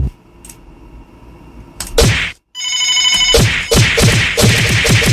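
A sharp thwack, then a quick run of hard knocking hits in a steady rhythm, loud and close, after a brief ringing tone and no talking.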